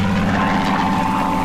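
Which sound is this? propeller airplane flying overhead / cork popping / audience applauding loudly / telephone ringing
propeller airplane flying overhead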